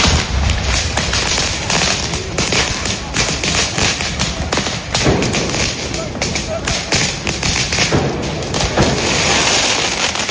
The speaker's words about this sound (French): Un premier tir de mortier, puis un autre et encore un autre.